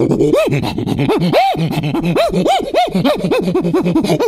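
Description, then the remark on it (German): A voice imitates a prosimian (half-ape) agitated by many dogs walking in front of it, with rapid, rising-and-falling squealing whoops and throaty grunts, repeated in a loud, frantic, uneven rhythm throughout. “Ja, und jetzt regt der Halbaffe sich auf, weil vor ihm ganz viele Hunde laufen und die mag er gar nicht.”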